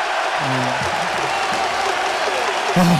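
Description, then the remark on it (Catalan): A large basketball crowd at the Roig Arena roars steadily during free throws late in the second quarter, with a few loud individual shouts rising above the dense, continuous noise of cheering. “I com ho celebra el Roig Arena, tu? Crits d'un altre a un altre.”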